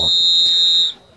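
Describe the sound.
One long, shrill referee's whistle blast ending the first half of a football match at the Eliseu Manente stadium, loud and steady for nearly a second before cutting off, over a low murmur of background voices.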